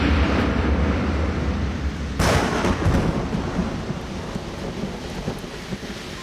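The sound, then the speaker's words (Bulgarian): A thunderstorm rumbles with deep, rolling thunder over steady rain; a sharp crack of thunder breaks out about two seconds in, then the storm keeps grumbling and hissing, loud. “Братчета мои, идва буря.”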